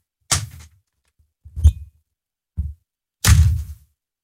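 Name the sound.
door slamming shut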